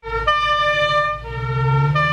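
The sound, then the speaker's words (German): A loud emergency vehicle siren blares with steady harmonic tones that shift pitch in stages, backed by a deep engine rumble, with no one speaking. “Hier kommen 3 Sirenen.”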